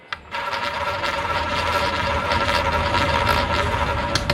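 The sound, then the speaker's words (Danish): A live casino roulette wheel spins steadily while a ball rattles and clicks rapidly around it, a continuous mechanical whirring that starts abruptly and holds at a loud, even level with no voices; the ball lands on black 35. “Live roulette, blackjack og en ægte casino-stemning hos Betania.dk.”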